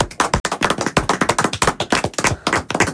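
A burst of applause from a small crowd, dense, rapid hand claps overlapping in a steady, crackling wash for about three seconds with no voices.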